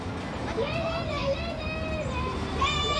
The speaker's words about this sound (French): Tu entends? Les voix des enfants qui jouent? Les enfants courent? Ils sautent, ils grimpent, ils s'amusent bien.